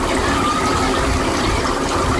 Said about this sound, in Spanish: Escucha de aquí, en Águila, Murcia. Efectivamente, ducha de pies en Águilas, Murcia.